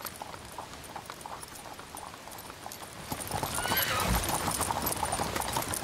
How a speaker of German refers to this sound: Auf dem breiten, sandigen Wattrücken nahe der Elbmündung setzt sich bei ablaufendem Wasser ein Treck mit Pferdekutschen in Bewegung. Der Kundige kann das Wattenmeer an manchen Stellen bei Ebbe durchqueren.